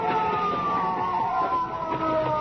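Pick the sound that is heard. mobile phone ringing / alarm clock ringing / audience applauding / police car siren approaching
police car siren approaching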